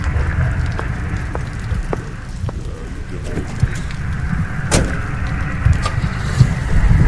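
car slowly driving away

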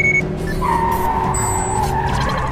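car chase

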